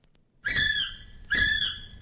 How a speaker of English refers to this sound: And what is it, please? It's a kiwi. Yeah, well done.